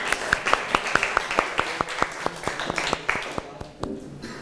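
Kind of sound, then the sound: crowd, classroom applause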